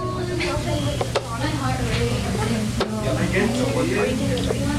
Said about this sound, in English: That's a chess timer, or clock. It helps ensure neither player takes too long. If one player runs out of time, it could mean they lose the match.